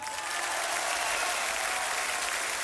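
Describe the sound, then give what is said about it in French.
A crowd claps steadily and loudly throughout, a dense continuous wash of many hands with no individual rhythm standing out and no voices on top. “Numéro 79, vous pouvez l'applaudir.”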